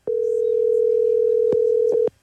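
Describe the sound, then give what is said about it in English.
A steady, loud telephone dial tone from a phone hooked up to a studio board hums continuously for about two seconds, broken by a few brief clicks near the end before it cuts off abruptly. “You got your phone hooked up to the board. Yeah. So just heads up, everything that goes on your phone, everyone's going to hear it.”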